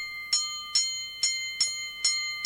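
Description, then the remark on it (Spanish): A boxing ring bell clangs five times in quick, even succession, each bright metallic strike ringing on as the next one lands. Loud, with no voices. “Versus, que suene nuevamente la campana.”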